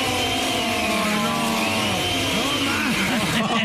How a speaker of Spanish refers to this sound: Todo este tiempo, chico, estuvo prendiendo la licuadora en otra casa. Prendiendo la maldita licuadora en un hotel.